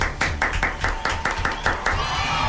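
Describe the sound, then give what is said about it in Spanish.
An audience claps for guests from the Circo Chino de Pekín in a steady, even rhythm, about ten sharp claps in quick succession, over a low background murmur, with a thin sustained tone rising near the end. “Aplausos, por favor.”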